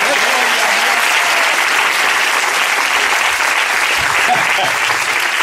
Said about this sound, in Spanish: Oh, gloria a Dios. Más fuerte ese aplauso si es para él.